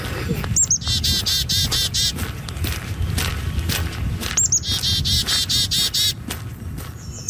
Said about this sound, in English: Bird Song, Edmonton's quiet soundtrack